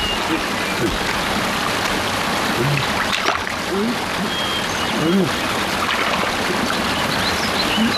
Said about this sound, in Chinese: 哎呀，前面有水声啊！